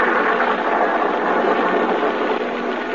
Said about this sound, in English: Another night, a lonely country road, a car. We're in the south.